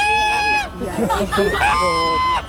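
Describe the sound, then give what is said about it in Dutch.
Two drawn-out, nasal goose honks, each holding a steady pitch before dipping at the end, with softer squawks and murmuring between them, from a goose named Hans Jansen at a golf club. “En toen hebben wij een gans gekocht.”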